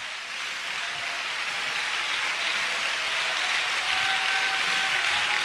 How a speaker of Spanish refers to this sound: Dije, suelte una alabanza. Dele un aplauso fuerte. Más fuerte.